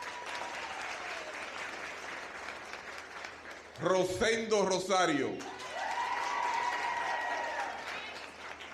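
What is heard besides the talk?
audience applause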